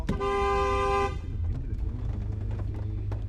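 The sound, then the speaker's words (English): A taxi's horn blares loudly for about a second, then steady engine rumble and road noise of the taxi moving through traffic in a city centre continue underneath. “A taxi takes us the rest of the way.”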